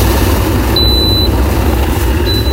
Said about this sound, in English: Okay, so I've got 40 degrees, 60 degrees, and 90 degrees are my options, okay? Okay. Right? You tell me where this kettle is boiling. Yeah. Is it 40, 60, or 90?